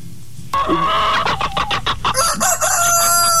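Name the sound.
rooster crowing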